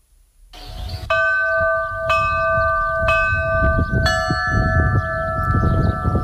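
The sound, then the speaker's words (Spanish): Church bells ring three specially designed tolls created to announce an eclipse's arrival, start and end, in steady strikes about a second apart, each leaving a long resonant hum, over a low rumble of outdoor background noise. “Estos tres toques de campana especialmente diseñados, creados para anunciar la llegada del eclipse, el inicio y el fin.”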